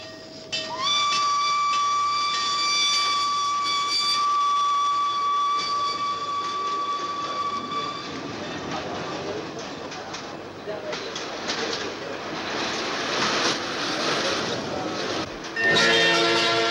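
A loud, steady train whistle blows for several seconds, then gives way to the rumbling, clattering noise of a train bound for Germany pulling away from Sirkeci station at 6 o'clock, with a brief higher tone near the end.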